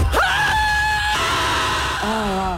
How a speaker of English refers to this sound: Or scream at the top of your lungs and call it healing.